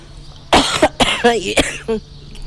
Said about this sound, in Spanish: No, tose, tose, …, tose.